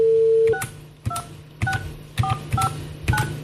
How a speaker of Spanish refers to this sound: Tía, qué hostia le mete al teclado.